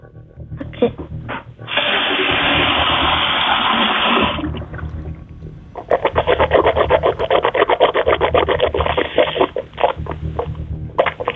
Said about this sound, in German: Und das beweist du uns einmal bitte, indem du in die Küche gehst und einmal so mit Wasser im Mund gurgelst. Ich gehe in die Küche. Und kleiner Tipp, nimm nicht zu viel Wasser, dann gurgelt sich das besser.